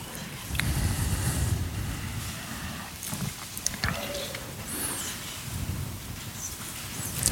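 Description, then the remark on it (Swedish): Steady rustling fills the whole stretch, a dense crinkly hiss with scattered sharper crackles and a few low thumps, moderately loud, with no clear talking. “Jag hör hur det prasslar.”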